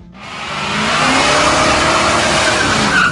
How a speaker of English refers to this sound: Nice burnout, dude. That guy's going to need new tires. Two of them for sure.